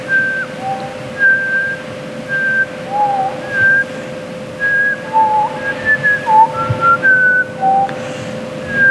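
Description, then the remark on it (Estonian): A whistled melody of short, sliding notes rises and falls over a steady musical backing, the tune clear and fairly loud with no voices. “Seal on alguses üks muusika nagu vilega.”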